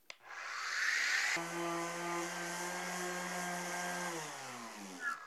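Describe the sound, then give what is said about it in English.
An orbital sander loaded with 60 grit sandpaper whirs against a painted surface, taking the paint off: a harsh sanding rasp over a steady motor hum, running loud for a few seconds before spinning down. “I've got an orbital sander here loaded up with 60 grit sandpaper made for this specific tool, and this will take it off super quick.”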